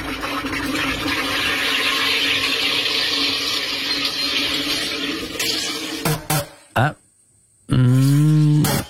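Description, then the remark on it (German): A water carbonator hisses steadily for about five seconds, gives a few short sputtering bursts, falls silent briefly, then ends with a loud, low humming groan. “Also um da allfällige zwiespältige oder unflätige Fehlinterpretationen vorbeugen, gesucht sie wäre ein Wasser- bzw. Getränkesprudler”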